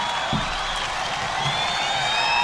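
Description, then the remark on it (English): A large live concert crowd applauds and cheers, a dense, steady roar of clapping with a few high whistles rising above it, holding at a loud, even level throughout. “as you can tell. There's a good crowd there.”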